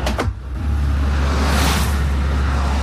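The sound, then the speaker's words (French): Steady roadside traffic roar with a strong low rumble, many cars whooshing past, one swelling pass near the middle; no talking. “Ah voilà, tu vois, il est flopé de voitures qui passent, tu vois, flopé de voitures.”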